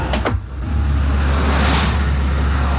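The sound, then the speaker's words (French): Road traffic rumbles steadily as a stream of cars passes on the road, with a loud whoosh as a car sweeps past midway through, over a constant low engine drone. No one speaks. “Ah, voilà, tu vois, il est flopé de voitures qui passent, tu vois.”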